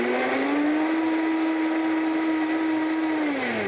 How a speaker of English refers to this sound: And we are going to go ahead and blend this up. And this is a great thing. You can make this in under a minute. We'll get it going there and blending.